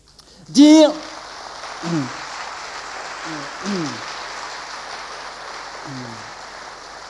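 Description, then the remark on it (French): A crowd applauds in a steady, dense patter of clapping that continues throughout, with a few short bursts of voice rising over it, the first one loud. “me revient une petite histoire pendant que vous applaudissez.”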